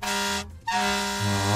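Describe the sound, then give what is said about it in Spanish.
A truck's air horn blares, a loud sustained honk that briefly cuts out, then sounds again and holds even stronger to the end, with no voices. “Al pito del caballo, vea.”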